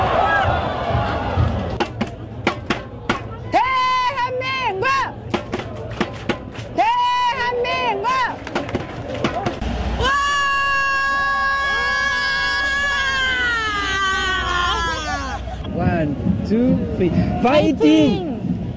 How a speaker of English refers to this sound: Well, usually we bring you voices. That was mainly screaming, but it gives us a sense of the passion, I guess, and the global impact of the game as well. French fans of South Korea in Seoul.